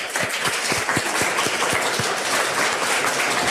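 An audience at a gathering of elderly people in Riosa, Asturias, recorded for Sentir Asturias, applauds the mayor with a dense, steady wash of clapping, with a few rhythmic, evenly spaced claps standing out during the first two seconds. No one speaks.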